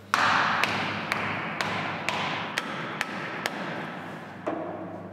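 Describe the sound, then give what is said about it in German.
A hammer drives wedges into a block of explosive with about eight sharp, forceful, evenly spaced blows, roughly two per second, ringing out clearly over a steady background rumble. No one speaks. “So, das mag jetzt irgendwie ein bisschen verrückt aussehen oder einem so vorkommen, dass wir da Keile reinschlagen mit einem Hammer mit relativ großer Gewalt, aber das ist so relativ ungefährlich, weil wir den Sprengstoff selber überhaupt nicht”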